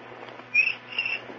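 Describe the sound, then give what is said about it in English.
A cricket gives two short, high-pitched chirps about half a second apart, fairly faint over a steady low hiss, with no talking. “He always gives two chirps.”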